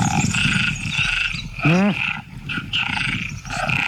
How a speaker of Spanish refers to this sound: Las hembras de ranas arborícolas tardan más en elegir pareja cuando oyen demasiados cantos